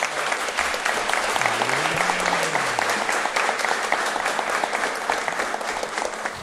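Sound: audience applause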